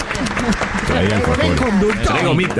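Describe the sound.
An audience applauds steadily, a dense wash of clapping that runs throughout while voices talk and call out loudly over it.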